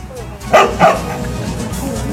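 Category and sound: animal, dog barking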